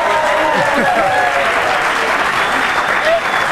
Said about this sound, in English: She deserves a bigger applause for that, I'm sorry.